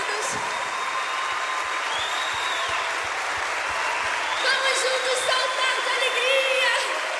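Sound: audience applauding loudly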